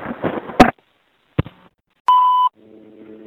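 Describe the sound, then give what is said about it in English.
A couple of sharp mechanical clicks of payphone keypad buttons being pressed, on a payphone underneath the subway, are followed by a single clear electronic beep lasting under half a second, then a faint low hum. “I'm going to include this phone on my collection of payphone buttons.”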